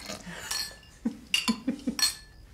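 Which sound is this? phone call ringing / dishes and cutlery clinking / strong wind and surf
dishes and cutlery clinking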